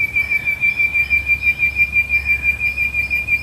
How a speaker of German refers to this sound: Und was machen die Vögel im Baum? Na, die erzählen uns auch schon was hier.